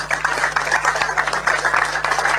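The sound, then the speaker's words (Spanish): A crowd at a ceremony handing over house keys for a housing community applauds steadily, with dense overlapping claps at an even, fairly loud level for the whole stretch and no voices breaking through. “Fuerte los aplausos, señoras y señores.”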